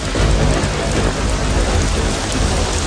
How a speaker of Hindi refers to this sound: बादलों को देखते ही मुन्नू की नजर तोतू पर पड़ती है, जिसे मिश्रा जी अपनी बालकनी में ही भूल गए हैं, और तेज बारिश शुरू हो जाती है और तोतू पूरा भीग जाता है।